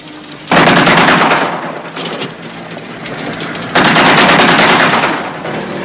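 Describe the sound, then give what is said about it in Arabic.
Two loud bursts of rapid gunfire, like warning shots, each lasting over a second with dense, rattling reports, separated by a short pause filled with lower rumbling noise. No one speaks. “ربما رصاصات انذار سيدي.”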